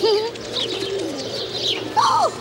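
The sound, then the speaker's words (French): Pigeons coo in low, throaty, wavering calls in the Jardin des Plantes garden, with one louder swooping coo near the end, while faint high chirps from other birds sound throughout. No one speaks. “Oh, sont pénibles ces pigeons à vouloir tout becquer.”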